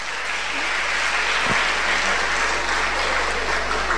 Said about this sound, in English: Put your hand. Vous pouvez applaudir.